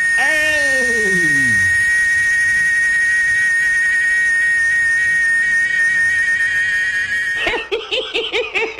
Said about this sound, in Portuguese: É a cigarra cantando. Tu tá vendo que o canto da cigarra é mil vezes mais bonito que de as de hino de Flamengo, gente. Olha!